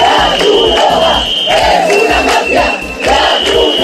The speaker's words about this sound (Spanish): En Ceuta, un grupo de manifestantes impide la entrada de un camión con comida para migrantes de Cruz Roja en la playa de Trampolín e incendian los asentamientos. Estos eran los gritos de los que protestaban.